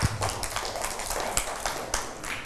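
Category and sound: crowd, children clapping hands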